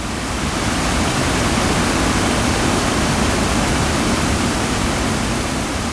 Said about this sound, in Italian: L'acqua scorre lentamente, creando piccole pozze e cascatelle in un'atmosfera sospesa nel tempo.